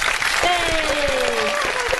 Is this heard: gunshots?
no